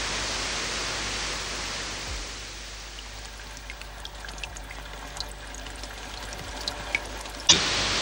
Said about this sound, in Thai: ณที่ราบสูงริมฝั่งโขงในเขตอุทยานแห่งชาติภูผาแต้มจังหวัดอุบลราชธานีแม้อากาศจะแห้งแล้งแต่ก็ยังคงเหลือลำธารเล็กๆจากแหล่งน้ำซับที่ไหลรินไม่ขาดสาย